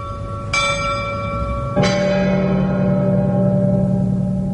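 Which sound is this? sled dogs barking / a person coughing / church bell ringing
church bell ringing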